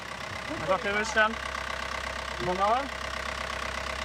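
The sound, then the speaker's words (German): A boat engine idles during an engine test with a steady, low, continuous rumble throughout, while two short bursts of voices rise briefly over it. “Hat ihn auch schick sauber gemacht, den Motor, oder war der vorher sieht immer so aus.”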